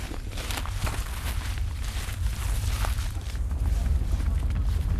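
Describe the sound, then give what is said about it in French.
Footsteps crunch through dry leaves in the forest at Pont de Vincennes in a steady, continuous rustle, with repeated crisp crackles layered over a low background rumble, and no voices. “Nous marchons dans les feuilles.”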